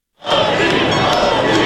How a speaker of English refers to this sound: massive crowds celebrating the NBA champion New York Knicks at a large parade up the historic Canyon of Heroes.